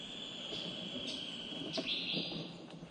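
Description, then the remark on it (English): Several brief calls of blue paradise flycatchers, a bird endemic to Palawan, chirp sporadically as multiple birds respond to a played recording of their song, over a steady, high-pitched insect drone. No one speaks. “So there's multiple birds responding to the call right now.”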